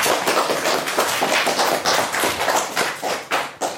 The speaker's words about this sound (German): Applaus für uns alle.